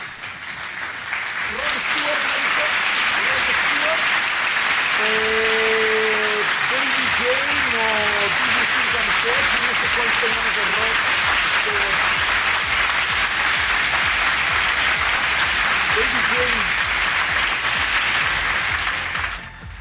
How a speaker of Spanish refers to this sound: Y tengan abuelitos, espérenme tantito, muchedumbre, aplaudan en lo que me preparo.